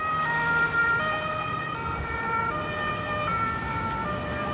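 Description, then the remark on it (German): An emergency vehicle siren wails steadily, its rising and falling tones sustained throughout over a low rumble of road traffic, fairly loud, with no voices present. “eher bei mir dann so ein Punkt ist, ist das, wenn abends Sirenen da sind oder so, dass ich dann manchmal so ein unsicheres Gefühl bekomme, weil man fragt sich dann schon irgendwie, was ist hier los, warum ist hier immer so viel Blaulicht und Sirenen.”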